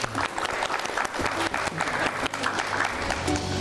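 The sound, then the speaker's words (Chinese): Sustained applause from a large audience in the multifunction hall of Siyuan Hall at Hainan University, welcoming Cuban Ambassador to China Bai Shide; a dense, steady clatter of many hands clapping at an even loudness throughout, with no voices standing out. “接下来咱们用最热烈的掌声有请古巴驻华大使白世德先生来为我们介绍一下古巴，掌声欢迎。”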